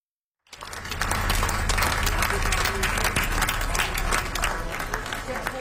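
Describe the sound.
A large crowd of fans applauds along a street in the coastal Welsh town of Swansea as a hearse carrying a singer's casket passes by. The dense, sustained clapping starts suddenly after a brief silence and stays loud and steady throughout, with faint voices mixed in.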